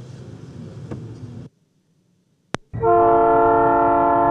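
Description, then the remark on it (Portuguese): A train crossing the city of Jaraguá do Sul, Brazil, early in the morning before full daylight, rumbles past with a heavy, steady roar, then goes quiet for a moment before a loud, sustained horn blast sounds. “Antes mesmo de o dia clarear por completo, há sons que fazem parte de quem eu sou. O trem cruzando a cidade, o rio seguindo seu curso, a vida começando cedo.”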